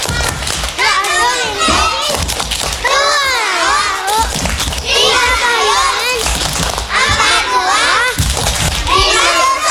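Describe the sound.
A group of children chant together in loud, sing-song bursts while clapping along, their high voices rising and falling in a steady rhythm punctuated by sharp hand claps. It is the Indonesian clapping chant "Tepuk empat sehat, lima sempurna" about rice, side dish, vegetables, fruit and milk.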